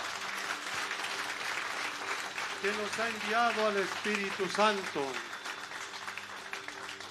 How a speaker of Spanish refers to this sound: Vamos a ponernos de rodillas para despedir a Jesús. Un aplauso a Jesús